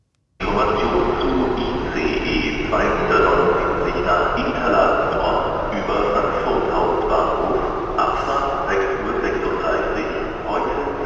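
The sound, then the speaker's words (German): A train rolls steadily along the rails on the route between Berlin and Offenburg, Germany, with a constant loud rumble and rhythmic clatter throughout, heard from inside, with faint indistinct voices in the background. “Jedes Mal, wenn ich die Strecke fahre, durchquere ich so ein Dialektkontinuum von Berlin nach Offenburg.”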